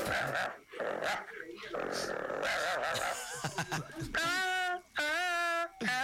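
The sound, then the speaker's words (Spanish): A dog growls in rough, rumbling bursts, then breaks into a couple of loud, drawn-out barks or yelps, with people talking in the background. “Tengo un perro.”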